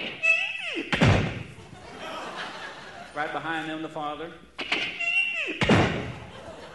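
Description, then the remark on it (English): A door creaks open and bangs shut twice, each time a squeaky hinge sweep followed by a loud thud, with a brief stretch of talking between the two slams. “They open the door and go in.”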